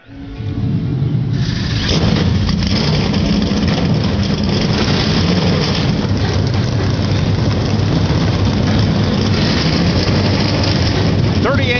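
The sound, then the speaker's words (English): A field of NASCAR race car engines fires up within the first second or two at the Monster Mile during the NASCAR weekend for the Bet Rivers 200, then settles into a loud, continuous, throaty rumble of idling motors. “But here at the Monster Mile NASCAR weekend for the Bet Rivers 200, we say, drivers, start your engines.”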